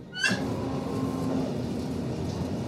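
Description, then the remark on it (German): A sudden metallic clunk, then a steady low rumble and mechanical hum as a train gets moving again, moderately loud, with no one speaking. “Obwohl wir teilweise ziemlich schnell fahren. Oh. Es geht weiter.”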